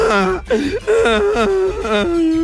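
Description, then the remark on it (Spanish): Someone imitates a crying child with loud wailing sobs that rise and fall in pitch and repeat in quick succession for a couple of seconds. “Ya llega el niño llorando a la casa.”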